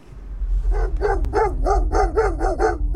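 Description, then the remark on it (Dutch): A chorus of Inuit sled dogs, kept as draught animals rather than pets, barks and yips in quick repeated bursts, roughly eight calls in a row, over a low steady rumble with no talking. “De Inuit hebben honden. Niet als huisdier, maar als trekkracht.”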